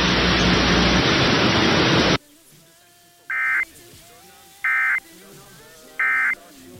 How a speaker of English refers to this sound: This is only a test. The following tones will conclude this test.